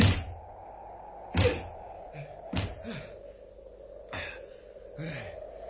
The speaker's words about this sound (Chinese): 唉，拍咗咁耐门，拍到我手都痛晒添。